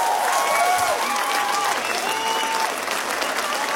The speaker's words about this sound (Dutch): Wauw! Geef ons voor één groot applaus. Dat hebben ze verdiend.